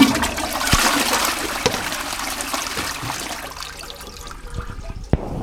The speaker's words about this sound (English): And could you activate the sacred flush?